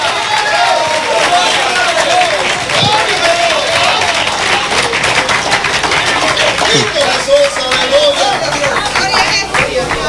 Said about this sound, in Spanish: Qué poquitos aplauden, gloria a Dios.